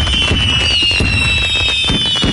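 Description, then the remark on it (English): Fireworks from Boomers Fireworks in West Terre Haute going off in quick succession, a string of booming bursts every half second or so over a steady high whistle and crackle, loud with no voices. “stock up early and light up the night sky with Boomers Fireworks in West Terre Haute.”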